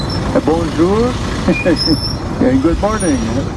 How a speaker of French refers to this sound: Alors ça c'est l'ambiance qu'il y avait sur le tarmac